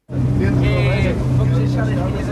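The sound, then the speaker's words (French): A loud, steady engine drones with a deep low hum and a rushing wash of noise: a Portuguese gendarmerie coast guard patrol boat at sea at night off Lisbon, Portugal, patrolling for drug-smuggling speedboats, with a brief higher whine partway through. “a embarqué de nuit avec les gardes-côtes de la gendarmerie portugaise.”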